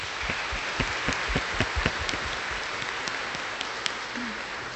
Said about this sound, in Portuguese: A paróquia Nossa Senhora da Conceição vos acolhe com uma salva de palmas.